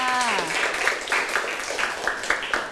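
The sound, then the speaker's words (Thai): A group claps steadily for a few seconds, a dense, even patter of many hands, with a short voiced tone at the very start before the applause fills in, as a class of students applauds a classmate who answered the teacher's question. “เยี่ยมมากเลยค่ะปรบมือให้เพื่อนค่ะ”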